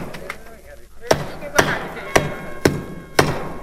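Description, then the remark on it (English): Five sharp hammer blows drive nails into the door of a tiger's cage, ringing out at a steady, roughly half-second rhythm, loud, each strike crisp and metallic against a faint background hum. “Well, Buck finally nailed down the door of the cage and got that tiger out of the pit.”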